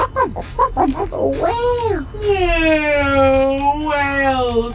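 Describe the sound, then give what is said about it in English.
A voice imitates a whale call: a few quick, choppy vocal sounds, then a long, loud, drawn-out moan whose pitch slowly sags and wavers for several seconds. “Whale. Yeah, whale sound.”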